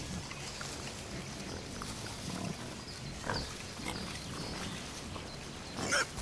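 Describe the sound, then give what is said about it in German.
Wild boars grunt and snuffle while rooting through the forest floor, a continuous low rustling with occasional louder grunts and one sharp squeal near the end. “Dann füllen einige Schweine ihre Mägen bis zur Hälfte nur damit.”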